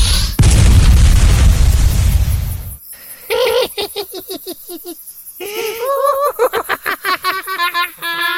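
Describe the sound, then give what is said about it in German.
A loud, roaring magic fireball explosion, hurled at a ghost, bursts out with heavy low rumble for about two and a half seconds, then cuts off, followed by a run of rapid, cackling voiced sounds. “Reicht dir der Feuerball nicht?”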